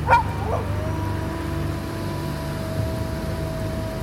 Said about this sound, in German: Ein Wolf?